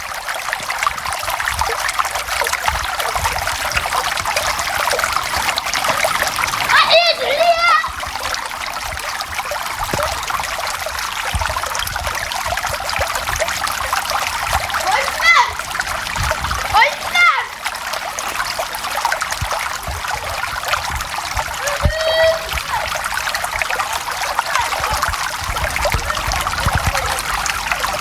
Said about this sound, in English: Ricochets of laughter bounce off dull, brown, tiled rooms. Water gathers, pours and splashes upon the ground.